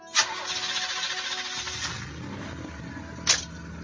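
A car engine cranks with a sharp burst and settles into a steady idle hum, with another brief clatter near the end. Moderately loud, with no voices.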